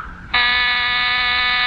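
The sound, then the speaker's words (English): A loud, harsh electric door buzzer kicks in abruptly and drones steadily at full volume, a rich raspy tone held without a break to the end. “Someone's at the door.”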